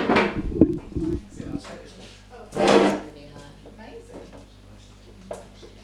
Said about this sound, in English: Pull a chair.